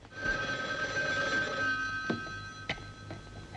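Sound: telephone ringing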